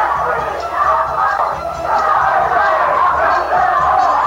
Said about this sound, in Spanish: Han comenzado aquí en la sala, acaso a distinguir desde la cabina donde estoy, unas mujeres que están gritando y un individuo que trata también de promover desórdenes. Asesino grita.